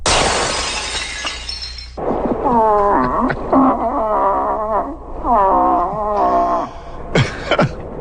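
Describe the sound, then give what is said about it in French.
Demonstration moose calls blown on a birch-bark horn: a burst of crackly hiss, then several loud, drawn-out nasal bellows that waver and bend in pitch, ending with one short rising note. “Les démonstrations d'appel qui suivent sont exécutées à l'aide du cornet d'écorce.”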